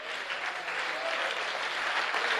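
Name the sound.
audience applauding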